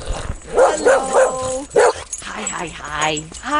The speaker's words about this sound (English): For cats, hissing, meowing, purring, and then there's whining and yelping and barking for dogs, like Navi and Daisy.